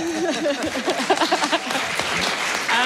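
Crowd applause fills the room, a dense wash of many hands clapping, while a voice speaks over it with rising, expressive intonation near the start.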